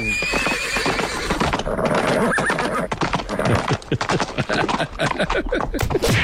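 A horse whinnies loudly near the start, followed by a busy clatter of hooves and sharp cracking bangs like gunfire, all dense throughout.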